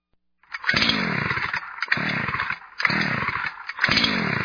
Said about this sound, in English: The old chainsaw not starting?